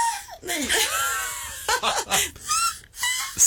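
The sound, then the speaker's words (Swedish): A person mimics a black-headed gull, letting out harsh, rising and falling screeching cries in a series of strained, wavering bursts with brief breaths between. “Skrattmås.”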